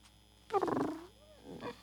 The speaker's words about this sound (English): Meow. Purring kitty. Oh, look, that man. He likes the kitty.